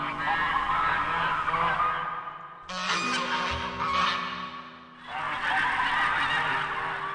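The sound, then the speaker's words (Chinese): Loud, raucous goose honking fills the whole stretch, harsh overlapping calls repeating almost without pause, easing briefly near the end before swelling again. No one speaks. “原来他以前经常被其他鹅欺负，所以他发誓要变成最强的鹅来保护自己。”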